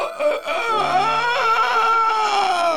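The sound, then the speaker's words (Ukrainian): A rooster crows loudly in one long, strained cock-a-doodle-doo that rises and holds for a few seconds, with no talking over it. “шершень в дуду заграв, кукурікать півник став.”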